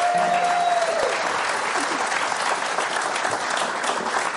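Steady, loud audience applause for a band fills the whole stretch, a dense wash of many hands clapping at once, with a brief tonal whistle-like note fading out near the start.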